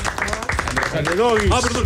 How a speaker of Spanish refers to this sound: Este aplauso para ti